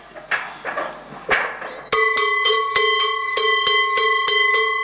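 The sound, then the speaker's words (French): Savoie cowbells ring out: a few rough metallic clanks at first, then a loud, sustained bell tone struck again and again in a steady, quick rhythm. “Ça, c'est les cloches de Savoie.”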